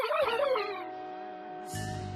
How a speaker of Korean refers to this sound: 얘들아, 러블은 괜찮아? 아, 그게 겉보기엔 멀쩡해. 그런데 좀 이상한 소리로 짖는데? 우주에서 너무 굶어서 목소리가 변했나?